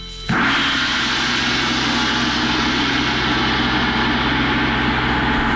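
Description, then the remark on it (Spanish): A gong made in the Mongol era of Genghis Khan's son, Kublai Khan's father, is struck once, bursting into a loud, shimmering wash with a deep humming undertone that holds steady without fading for several seconds. “En ese periodo se fabricó este gong que va a sonar así.”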